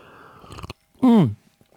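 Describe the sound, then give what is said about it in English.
An exaggerated, gurgling slurp of an iced latte with oat milk through a straw, quickly followed by a loud, satisfied vocal 'aah' that slides down in pitch. “Exaggerated iced latte with oat milk coffee slurp.”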